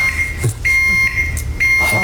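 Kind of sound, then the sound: machine, elevator overload alarm beeping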